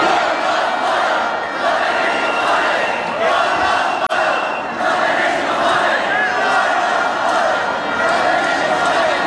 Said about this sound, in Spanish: Estamos en el patio del Congreso, que es el único sitio seguro, y vamos a escuchar algunos de los cánticos.